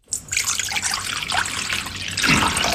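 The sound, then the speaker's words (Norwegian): Water pours steadily into a metal bowl, a continuous splashing trickle that runs for a few seconds and grows slightly fuller toward the end, with no voices. Half a litre of water goes into the bowl, to be mixed with a teaspoon of baking soda for soaking berries. “Tar jeg en halv liter vann, blander jeg med en teskje natron.”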